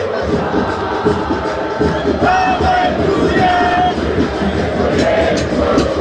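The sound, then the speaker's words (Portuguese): A big crowd of Estudiantes de La Plata supporters chants and roars together in a stadium during a football match against Corinthians, a dense, loud, continuous wall of voices with rhythmic swells and a few higher shouts rising above. “e a gente ouve a torcida do Estudiantes.”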